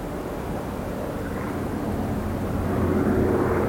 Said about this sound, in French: Deux jours après le crash, dans l'après-midi, un bruit de réacteur. Les rescapés lèvent les yeux, un avion les survole.